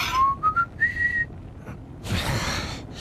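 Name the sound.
whistled melody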